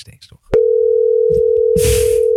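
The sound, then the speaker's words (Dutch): A steady, single-pitched telephone tone cuts in abruptly and holds unbroken to the end, loud and even, as a phone call is placed to the Sofitel Legend hotel in Amsterdam. A few quick spoken sounds come before it, and faint voices and a rush of noise overlap it. “Ja, we gaan gewoon bellen.”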